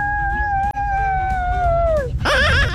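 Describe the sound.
A child's voice, sent as a voice note to a radio station's children's contest for tickets, imitates a witch's scream: one long, high, steady wail that slowly glides downward, breaks off, then returns as a shrill, wavering cackle-like cry over a low rumbling background.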